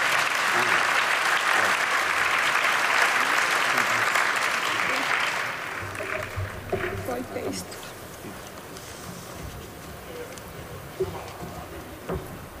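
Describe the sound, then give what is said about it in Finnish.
Dense, loud applause from an audience joining in congratulations on behalf of Aikamedia for about five seconds, then fading into scattered claps and murmuring voices with a few sharper bumps. “Sydämelliset onnen toivotukset koko Aikamedian ja varmasti yleisö yhtyy tähän myöskin meidän kaikkien puolesta teille.”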